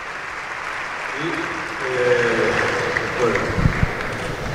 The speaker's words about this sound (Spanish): Y estira y aplaudís a los jugadores.